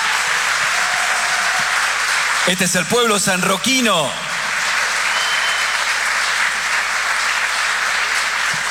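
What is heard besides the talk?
audience applause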